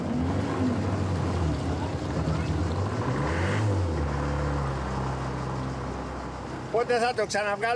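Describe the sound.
A boat engine off the Greek island of Aegina rumbles and labors unevenly, its low drone wavering as the motor struggles to start and keep running, with a short burst of voices near the end.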